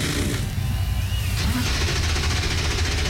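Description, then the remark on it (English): A pack of 36 NASCAR Cup Series stock car engines firing up together on the pit lane before the Hollywood Casino 400 in Kansas City, Kansas, building into a loud, dense, continuous roar with a heavy low rumble that fills the whole stretch. “36 NASCAR Cup Series machines come to life on the pit lane.”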